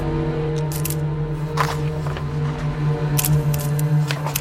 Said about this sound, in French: Kuklinski prend alors le risque de sortir de sa poche son briquet appareil photo et il commence à photographier le document.